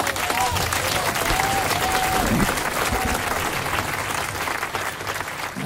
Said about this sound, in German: Ja, die Leute klatschen durch, oder?